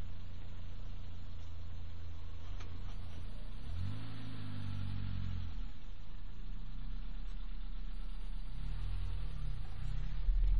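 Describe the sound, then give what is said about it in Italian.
A car engine idles, then revs up in a couple of rising surges with harmonic whine, settling back to a steady rumble as the car slowly parks in New York; no one speaks. “Si parcheggia.”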